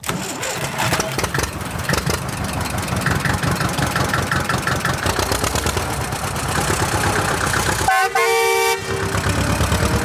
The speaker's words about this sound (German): schon klettert Fine sportlich elegant auf ihren grünen Trecker und los geht's